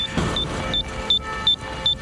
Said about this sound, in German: Ich habe jetzt am Ventil gezogen. Und wir werden jetzt schon bereits das Pfeifen hören von diesem Sinkgerät, von diesem Variometer, der uns so den Sink akustisch anzeigt.